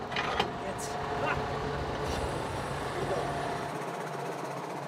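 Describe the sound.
A tractor engine runs steadily with a low rumbling drone, joined by a few brief clanks and metallic knocks, while a person talks over it, as the tractor's hydraulics raise and lower the coupling triangle.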